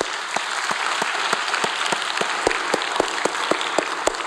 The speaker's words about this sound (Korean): 우리 하나님께 영광의 박수합니다. 할렐루야.